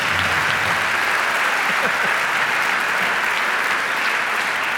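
Sustained audience applause, a dense, steady wash of clapping from many hands at a fairly loud level, continuing evenly throughout without pause.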